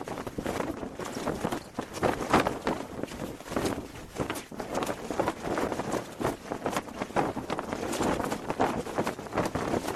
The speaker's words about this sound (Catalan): Està molt a prop del foc per poder-ho captar d'aquesta manera. Això és una foguera.